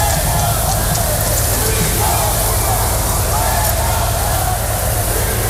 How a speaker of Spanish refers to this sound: Pedro Sánchez ha sido recibido con insultos y abucheos a su llegada al desfile